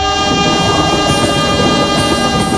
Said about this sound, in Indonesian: Kesabaran teruji saat menunggu kereta api melintas.